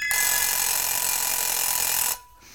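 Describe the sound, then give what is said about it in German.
An alarm clock rings loudly and steadily for about two seconds, a dense, rattling metallic clang that stops abruptly, leaving a quiet tail. No one speaks. “Der Wecker.”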